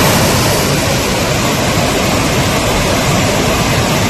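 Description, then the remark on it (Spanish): A powerful, fast-flowing swollen river, the Besòs in the Barcelona area of Spain, under an extreme flood alert with a risk of overflowing, roars steadily and loudly, a dense continuous rush of churning water with no other sounds or voices. “Así suena el río Besós, que baja con mucha fuerza a esta hora.”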